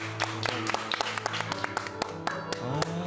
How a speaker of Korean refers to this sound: 큰 박수 한번